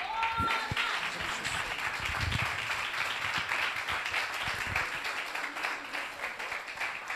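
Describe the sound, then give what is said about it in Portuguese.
A church audience applauds the Lord Jesus steadily for several seconds, a dense, sustained patter of many hands clapping at once, at moderate loudness with no voices standing out. “Se você puder, aplauda o Senhor Jesus.”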